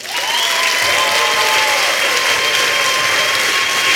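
Sustained, loud applause from an audience, a dense steady wash of clapping with a few whoops and cheers mixed in, holding at full strength for the whole stretch.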